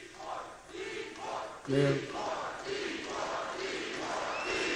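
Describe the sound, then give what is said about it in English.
A large crowd chants "deport" over and over in a steady, rhythmic pulse, loud and roaring, with one voice briefly rising above the rest partway through. “If you can't make it out, the crowd is chanting deport.”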